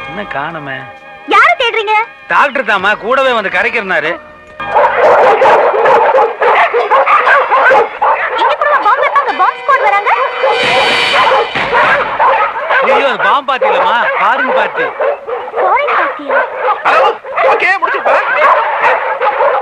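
A dog barks and whimpers repeatedly, with high wavering whines and yips, loud over a busy, noisy background for most of the stretch.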